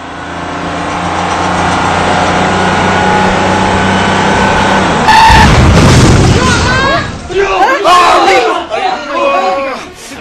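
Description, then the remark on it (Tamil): A speeding bus's engine roars steadily, then a short tire squeal gives way to a loud, sudden crash midway, followed by several people shouting and crying out in alarm. “இந்த பாரு, பஸ் என்ன வேகமா ஓட்டானுங்க பாத்தியா.”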